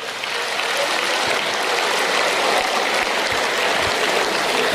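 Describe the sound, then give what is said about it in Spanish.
An audience claps steadily for about five seconds, a dense, even wash of many hands with no voices over it and no change in level. “Qué miedo, ustedes aplauden narco también.”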